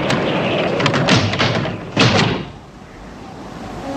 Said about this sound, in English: Another set of doors flap in the wind.